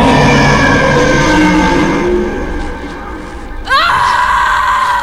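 A woman screams in pain, loud and drawn out over several seconds, dipping briefly before her voice jumps sharply upward into a renewed, strained cry near the end.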